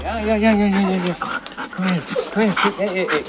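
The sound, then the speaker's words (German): An excited female husky with grey-white fur at an animal shelter in Korbach, Germany, whines and yowls in wavering, pitch-bending cries, broken by quick breathy panting between bursts, on seeing her leash and harness as a shelter worker struggles to restrain her; no one speaks. “hat Mühe, die Husky-Hündin zu bändigen.”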